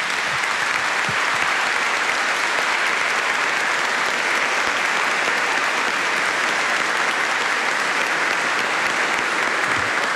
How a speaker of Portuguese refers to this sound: Então eu diria assim, uma forte salva de palmas para os cantores, para os festeiros, para os acólitos